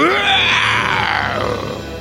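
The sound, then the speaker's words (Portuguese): A loud, drawn-out roar, made by a human voice imitating a lion, rising and then slowly sinking over about two seconds with a rough, hoarse edge, heard alone. “Aí ele falou: ai, parece o rugido daquele leão que me poupou.”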